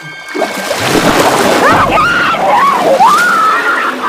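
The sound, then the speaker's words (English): Loud, continuous splashing and churning water as a swimming woman is dragged through the water, whipping back and forth violently, with a high wavering cry rising and falling over the turbulence. “She's dragged through the water, whipping back and forth violently.”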